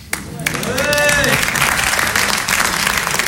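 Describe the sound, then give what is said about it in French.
An audience bursts into sustained applause at the end of a comedy sketch, loud and dense throughout, with a brief voice or cheer rising over the clapping early on. “Non, mais c'est vrai, depuis le début, dès qu'un sketch se finit, vous applaudissez.”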